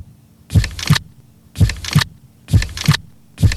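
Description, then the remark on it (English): A slow, steady heartbeat thumps in paired lub-dub beats, about one pair per second, prominent with a low hum between beats and no talking. “sit back, relax, and take a moment to listen to your heartbeat. It's beating steadily, slowly, one beat after another.”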